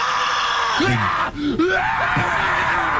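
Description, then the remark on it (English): Drawn-out, guttural human screams rise and fall over a steady roar of surf and wind, several voices overlapping at moments beneath the constant ocean noise: more than 100 people at a contest at Ocean Beach, San Francisco, screaming as loudly and dramatically as possible. “More than 100 people gathered near San Francisco's Ocean Beach for a contest that gave them one simple job: scream as loudly and dramatically as possible.”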